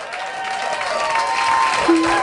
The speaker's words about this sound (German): Hier kommt ein Applaus.